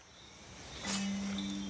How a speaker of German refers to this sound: Mit der Dunkelheit werden die Frösche in der Reserva Otonga aktiv, wie Giovanni Onore das Gebiet inzwischen benannt hat.